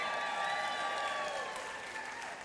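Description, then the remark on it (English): A live audience breaks into steady clapping after being asked whether any teachers or librarians are present, a dense wash of many hands holding fairly level before easing slightly toward the end, with no voices standing out. “They could have clapped for no reason, but...”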